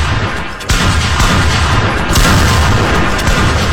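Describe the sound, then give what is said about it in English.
Many balloons burst at once during a balloon pop game, sharp loud pops piling into a dense crackling barrage, with a couple of standout bangs rising above the clatter and no voices. “He said he got five kids and every female popped their balloon like next.”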